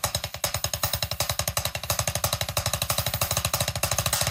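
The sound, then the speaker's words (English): A rapid, steady stream of loud drum strokes, played alone, mixing single and double hits in a paradiddle rudiment with a driving, machine-like rhythm of roughly ten strikes per second. “It's a foundational drumming technique that combines single and double strokes, and it sounds a little bit like this.”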